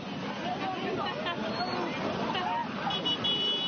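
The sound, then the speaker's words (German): Scooter horns toot in short bursts as residents cross the border at Gibraltar, over a busy hubbub of traffic and murmuring crowd voices, the honks moderately loud against the constant background din. “Im Auto, zu Fuß oder laut hupend auf Motorrollern.”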